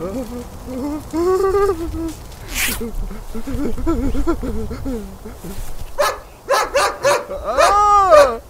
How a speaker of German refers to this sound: Scheiße, wo kommt der Hund her? Warte, ich knall ihn ab. Der Schäferhund ließ von dem Mann ab, blieb aber knurrend vor ihm stehen.